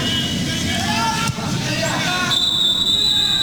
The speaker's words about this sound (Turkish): Sasha Stegeman'dan son düdük sesi geliyor. Belarus Finlandiya'yı tek golle geçiyor.